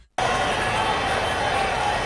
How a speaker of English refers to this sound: It goes to …. … plows ahead and he's in for the touchdown. Nothing is better in sports than your team getting a score and hearing the crowd roar as commentators animate.